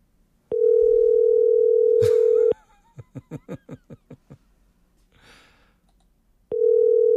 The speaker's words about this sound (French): Mais non, il fonctionne, ça sonne. Ben oui. Et juste à l'autre bout, ça répond pas.